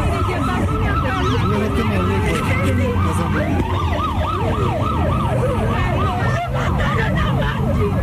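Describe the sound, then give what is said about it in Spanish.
Several fire and police vehicle sirens wail at once on Carrera Séptima, their pitches rising and falling in overlapping sweeps over a steady rumble of street traffic, loud and continuous throughout. “Los bomberos y la policía acordonaron el lugar y se interrumpió el tráfico por la carrera séptima.”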